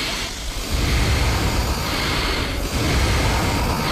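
Three people breathe together in unison, making a loud, steady, airy rushing sound with a couple of brief dips as the breaths turn over. No one speaks.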